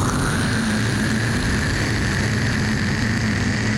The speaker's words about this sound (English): I want you to prepare to fire stage 2 engines. I'm all ready. When I say, go ahead and fire them. Go ahead right now. Fire engine 2.